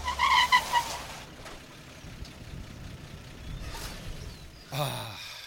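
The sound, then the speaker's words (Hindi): A car rumbles as it swings into a turn into a crowded lane, its low engine drone steady throughout, with a louder rush of tyre and engine noise at the start and again near the end. “boss इस गली में मोड़ लो, इसकी भीड़ भाड़ में कैमरे ठीक से कैच नहीं कर पाएंगे इसे”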